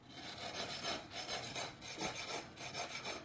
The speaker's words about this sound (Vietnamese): Trong nhịp điệu đều đặn của tiếng cưa, tiếng đục,